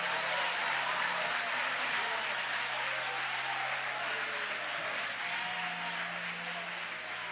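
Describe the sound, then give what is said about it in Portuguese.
An audience at a religious service claps hands steadily and loudly to glorify God, a dense wash of applause that holds for several seconds, with a low musical drone underneath. “Mais forte as palmas, mais forte.”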